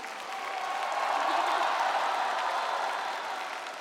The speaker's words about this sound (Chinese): 所以在我们接下来马上开出优秀女演员奖的时候，我建议我们现场的朋友们，尤其是热情的我们好客山东烟台的朋友们，为我们这些优秀的女演员们响起掌声，给他们加油，给他们呐喊。